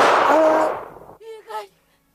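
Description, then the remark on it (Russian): A single loud gunshot bursts out and rings away over about a second, followed by a short, strained vocal cry from a person. “Я выстрелю, доктор!”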